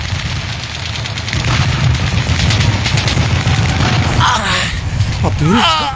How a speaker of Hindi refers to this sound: जांबाज अब्दुल हमीद आठवें टैंक को उड़ाने की सोच ही रहा था कि दुश्मन ने उसको देख लिया और उस पर लगातार गोलीबारी शुरू कर दी।